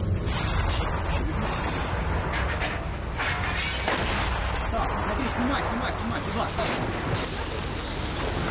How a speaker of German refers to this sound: Beim Versuch, die Volksmiliz aus der Stadt zu vertreiben, nehmen die ukrainischen Sicherheitskräfte keine Rücksicht auf zivile Opfer. Zum ersten Mal in der modernen Geschichte der Ukraine feuert schwere Artillerie auf Wohngebiete.